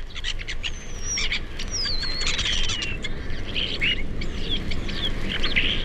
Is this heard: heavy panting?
no